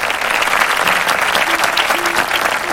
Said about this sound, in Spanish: Que tengan un excelente jueves, que vibren muy alto y sobre todo les mando este aplauso para ustedes.